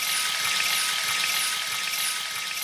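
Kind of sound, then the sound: household object, water pouring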